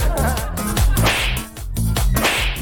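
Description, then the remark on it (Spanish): Three sharp, loud slap sound effects crack out in quick succession, each a bright whip-like smack, layered over a dense, busy musical backing with no talking. They are played on radio as slaps aimed at drivers who cut in front of others. “Le vamos a enviar un charchazo radial a todos los que se cruzan.”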